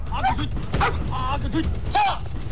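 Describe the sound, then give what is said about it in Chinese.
A search and rescue dog at a search and rescue dog competition gives several sharp, yelping barks as its alert signal, at uneven intervals and fairly loud, while people talk in the background. “搜救犬参加比赛，视警方式为废叫，准备完毕，请指示。”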